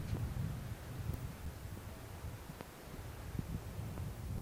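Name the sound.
wind blowing outdoors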